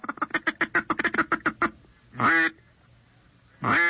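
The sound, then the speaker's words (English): A duck call gives a rapid run of low, clipped cackling notes, a feed chuckle imitating ducks feeding on the water, then two longer, drawn-out quacks. Clear, with no talking. “As they get even closer, you will cut back on the frequency and the volume of your calling, and you will go into a feed chuckle, which is a low-pitched cackling sound that ducks make when they're feeding on the water and at rest.”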